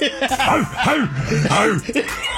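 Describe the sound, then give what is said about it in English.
Several men bark like dogs in a quick, rowdy burst of short, loud, overlapping woofs, with some chuckling mixed in. “I don't know why we bark when we do this.”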